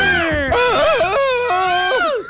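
A loud, wild human scream from someone in the background wavers up and down in pitch, breaking into a few ragged swoops and lasting about two seconds before trailing off.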